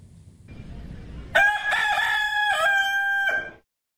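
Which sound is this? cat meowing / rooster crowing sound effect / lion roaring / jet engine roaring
rooster crowing sound effect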